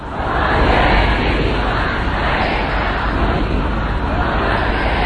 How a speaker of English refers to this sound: What we can hear there, more mourners filled the city of Mashhad for the last several days of funeral proceedings. Crowds shouted slogans against any compromise with the US and denounced the American and Israeli leaders.